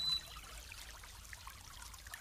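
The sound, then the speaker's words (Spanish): Water pours and trickles in a soft, steady stream for a couple of seconds, a continuous gentle splashing heard at a low, even level with no voices. “que esta agua te habite.”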